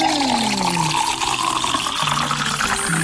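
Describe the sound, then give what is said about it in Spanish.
Water pours steadily and fairly loudly into a container, a continuous splashing rush with a shifting resonant tone as it fills, with no voices. “Te voy a antojar en estos momentos para que pienses en agua, agua. Piensa en agua, toma agua, natural, agua que contenga los minerales que tu cuerpo necesita.”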